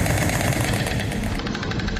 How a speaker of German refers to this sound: So klingt es aktuell in Herzogenaurach, eine Kleinstadt in Bayern. Da klappern die Störche.